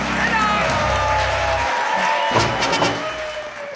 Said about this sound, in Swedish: Jubel och applåder för Hans Rosenfeldt och På minuten.